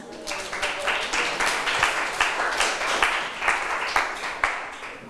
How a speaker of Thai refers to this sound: นักเรียนปรบมือให้เพื่อนหน่อยค่ะ